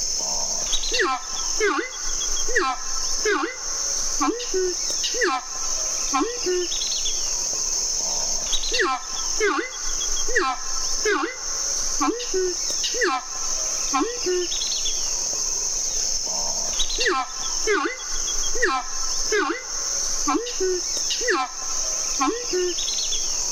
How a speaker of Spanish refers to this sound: Este sonido corresponde al canto del arauco y hace parte del proyecto A Ritmo de Pájaros de la Fundación Corocoras. Esta iniciativa busca exaltar el paisaje sonoro de nuestra maravillosa Orinoquía.